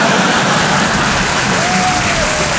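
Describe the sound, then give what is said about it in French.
Steady audience applause fills the whole stretch, a dense, even wash of many hands clapping with no pauses or voices standing out. “Il y a des gens qui ont arrêté d'applaudir dès qu'ils ont vu ma tête.”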